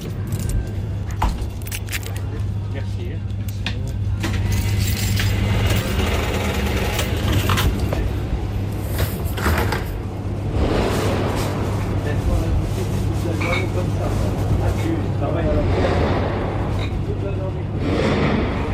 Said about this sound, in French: Ce qu'on entend sur cet enregistrement, ce sont des coups de feu tirés en l'air à l'entrée du quartier. Une tentative d'intimidation.